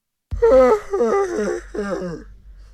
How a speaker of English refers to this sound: Hey, see this one. You see the yawn by this time of the day.